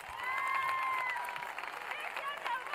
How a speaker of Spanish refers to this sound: ¡Fuerte los aplausos, por favor!